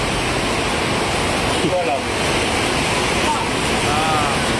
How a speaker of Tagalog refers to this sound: Kasi maulan eh. Malakas na yung ulan eh.